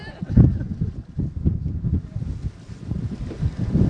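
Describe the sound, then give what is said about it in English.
Strong wind buffets the microphone in a steady run of low, rumbling gusts, thumping and roaring for the whole stretch with barely a pause between blasts, during a windy boat trip with waves on the water. “Are you getting good wind sounds?”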